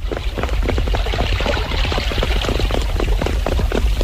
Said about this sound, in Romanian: Se aude ceva. Așa e! Păriți că e tropa de cai! Așa e! Sunt sigur! Vin, vin!